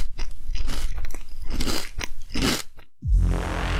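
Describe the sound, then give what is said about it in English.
Loud crunchy chewing of Captain Crunch cereal and a Nestlé Crunch candy bar, with a steady run of crisp bites for about three seconds, then a short pause and a rougher, lower noise. “The Beast has got into crunches recently. Captain in the morning and Nestle in the evening.”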